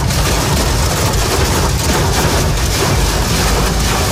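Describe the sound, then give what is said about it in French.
Hailstones hammer a motorist's car windshield on the Lyon ring road (périphérique) in the morning, during storms over the Lyon region. The impacts form a dense, loud, unbroken clatter, countless hard hits blurring into a roaring rattle that holds steady throughout, with no voices. “Les images et le brouhaha des grêlons sur le pare-brise de cet automobiliste ce matin sur le périphérique lyonnais.”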